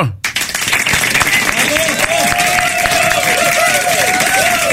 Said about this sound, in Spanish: Vamos a dar fuerte el aplauso.